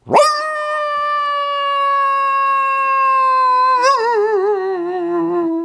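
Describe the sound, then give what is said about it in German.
A voice imitates a sad coyote howl: one long, sustained tone that rises sharply, holds steady, then wavers and dips toward the end, loud with no other sounds. “Kannst du auch einen Kojoten nachmachen?”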